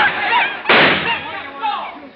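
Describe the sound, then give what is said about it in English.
A single loud revolver shot, fired by a bearded man in a crowd, bursts out partway through, a sharp crack with a brief noisy tail, while a voice keeps talking before and after it. “But before he reached it, the man with the beard pulled out a revolver.”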